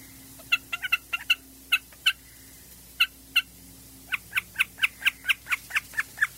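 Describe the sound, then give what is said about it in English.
A common snipe calls with a long run of sharp, repeated notes, scattered at first and then settling into a steady, rapid rhythm. It sounds clear, with no voices. “Well, a snipe is one of these birds that everybody's heard, and I think most people probably don't know what the sound is coming from.”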